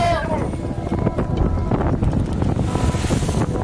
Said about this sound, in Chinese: 海面上刮来的大风让渔船颠簸严重，而对当地渔民来说，这却是经常会遇到的状况，并不会影响下网捕鱼的劳作。